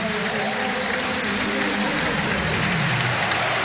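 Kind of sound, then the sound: crowd, stadium crowd applause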